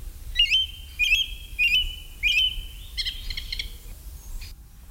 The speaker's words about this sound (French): Le premier oiseau, c'est la grive musicienne. La plus courante de nos grives, présente toute l'année.